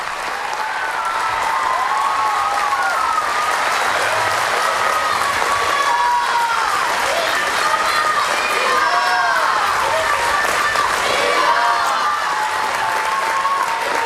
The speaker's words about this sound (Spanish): El Papa ha sido recibido con una enorme ovación y unas torres de casteller, lo típico de Cataluña. Así escuchábamos la ovación del Papa, la llegada del Papa a Barcelona.